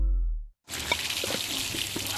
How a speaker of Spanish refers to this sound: Oye, ¿estás tomando agua de la llave?